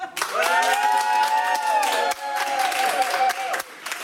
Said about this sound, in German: Schlussapplaus, wie viele sind noch da?